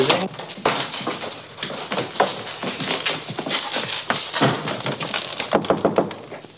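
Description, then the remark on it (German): Someone knocks on the door of His Highness's room in a castle with a long series of quick, irregular raps, fairly loud and sharp, continuing for several seconds over a dense, busy background wash. “Klopfe bei Hoheit Zimmer.”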